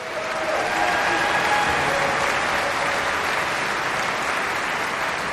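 An audience at a concert applauds steadily for about five seconds, welcoming a guest onstage while a trombone choir sets up. It is a dense, loud wash of clapping that holds at a constant level without pause, with no voices clearly heard over it.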